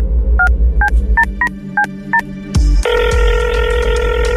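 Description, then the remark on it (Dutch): Six short, evenly spaced keypad dialing beeps, then a click, then a steady, continuous ringing tone of an outgoing phone call to the secret number of the VI World Cup Situation Room, with a low hum underneath and no voices. “We gaan een belletje doen naar het geheime nummer.”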